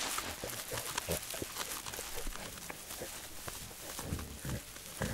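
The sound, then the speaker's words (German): Corsican pigs in Corsica grunt and snuffle in short, irregular bursts, low and rough, with rustling and crunching sounds mixed in throughout as they root around where they feed on chestnuts. “Nur die korsischen Schweine konnten sich hier Winterspeck anfressen.”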